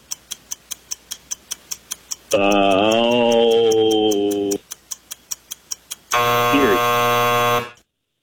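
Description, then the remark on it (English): A steady countdown ticking of a quiz game timer, evenly spaced clicks, is cut off by a loud, harsh buzzer blast lasting about two seconds. The ticking resumes briefly before a second, brighter buzzer sounds and then stops abruptly. “Sounded like you said Erie right before the buzzer went off.”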